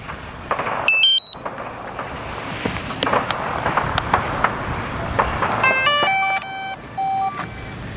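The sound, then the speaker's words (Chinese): A camera drone powers up for aerial filming of tomb 103 at an archaeological excavation in the ancient Han capital city: a few short high electronic beeps, then its motors spin up into a layered, buzzing whine over steady outdoor wind noise. “好，飞机已经启动了。”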